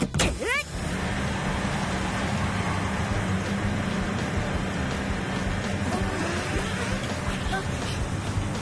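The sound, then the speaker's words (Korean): A newly fitted motor on Rotica roars at full power, a loud, steady drone with a low hum that holds for the whole stretch after a quick rising whine at the start. “모터 장착 완료. 가자 로티카, 출력을 최대로!”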